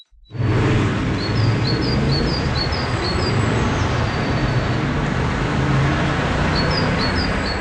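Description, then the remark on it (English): Steady, loud roar of city traffic in downtown Paris, France, while small birds sing thin, high chirping phrases above it, a run of quick notes early on and another near the end. “Now, besides the obvious difference of noisy traffic, there is another key variation there, one that has big implications on the lives of these tiny birds.”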